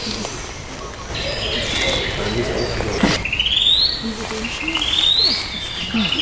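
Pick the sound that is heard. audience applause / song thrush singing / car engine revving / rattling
song thrush singing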